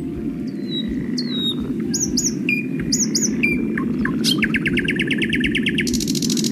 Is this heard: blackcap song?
yes